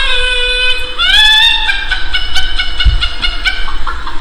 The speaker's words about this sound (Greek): Ποιο είναι κόκορα το πρωί. Αυτό είναι 6 ώρα, 6 ώρα το πρωί ο κόκορας, ρε, στο χωριό.